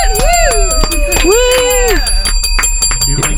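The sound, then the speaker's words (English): Celebratory bells, rung on the Midday Show after a fundraising challenge was met, ring loudly and continuously, bright sustained tones over rapid repeated strikes, while sliding whooping tones rise and fall across the steady ringing. “Bells.”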